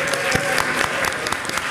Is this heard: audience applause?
yes